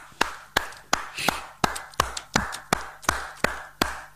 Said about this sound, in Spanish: voy a aplaudirte.